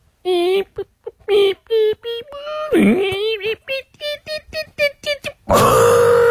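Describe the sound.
A voice mimics a printer with a run of short, clipped vocal bursts in a stuttering rhythm, a brief wavering squeal in the middle, ending in a loud, harsh buzzing rasp.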